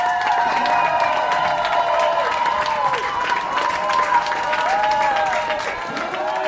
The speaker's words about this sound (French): Des larmes de joie et d'intenses applaudissements, vous les entendez. C'est le soulagement qui a dominé l'heure du retour des militants suisses de la flottille pour Gaza.